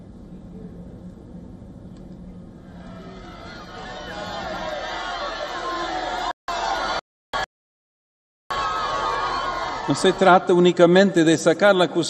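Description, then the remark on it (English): A large crowd at an outdoor papal Mass on the feast of Corpus Domini cheers as the Pope pauses to bless children; the noise swells from a low murmur into loud, sustained cheering, cuts out abruptly a few times, then returns with shrill excited shouts and whistling voices rising above the roar. “The Pope also pauses to bless children, much to the joy of the cheering crowds.”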